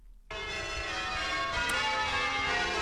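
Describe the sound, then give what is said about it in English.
A peal of church bells at St Paul's Anglican Church in Maryborough, Queensland, rings out loudly after a brief quiet start, overlapping strokes blending into a dense, continuous metallic clangour with rich ringing overtones and no voices. “be the 50th anniversary of the first peal of bells in Queensland at St Paul's Anglican Church in Maryborough.”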